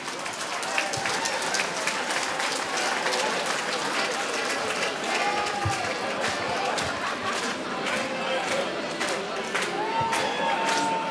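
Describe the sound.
An audience applauds steadily for about eleven seconds, a dense, unbroken wash of many hands clapping at an even loudness, with scattered voices and cheers mixed into the noise.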